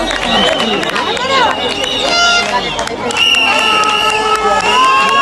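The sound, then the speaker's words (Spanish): A large crowd of protesters cheers and shouts together after burning shacks and settlements on a beach, many voices overlapping in a loud, continuous roar with excited high-pitched calls rising above the din. “Volvían ya vitoreados los manifestantes de un suceso que demuestra una situación límite”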